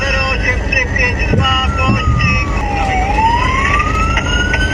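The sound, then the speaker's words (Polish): A police siren wails continuously with sweeping rising and falling tones, loud, over a dense rumble of traffic and engine noise, during a police pursuit of teenage riders on electric motorcycles in Rybnik. “Pościg policyjnej grupy Speed za nieletnimi motocyklistami w Rybniku.”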